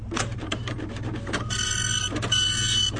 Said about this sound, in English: I'm seeing Chaz Coleman's name come out of the printer.